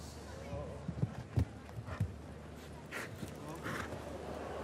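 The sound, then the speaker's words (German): A horse's hooves pound the ground in a handful of uneven, heavy thuds as it gallops in a show jumping course, set against a steady hiss of outdoor background noise with faint voices. “So, jetzt muss er wirklich die Kontrolle behalten. Vielleicht nochmal das Zügelmaß ein bisschen nachfassen.”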